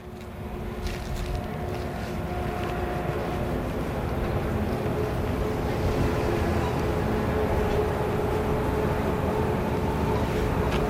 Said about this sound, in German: Ah, ein Zug.